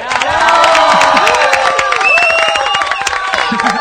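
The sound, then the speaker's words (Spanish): A crowd applauds and cheers steadily, with dense clapping and many overlapping shouts and whistles blending into a loud, continuous roar of celebration, greeting hockey player China Cosentino of Argentina's Leonas after the World Cup final penalties, on Radio Nacional. “Pero felicitaciones, Chinita, un aplauso enorme de pie de toda la Argentina.”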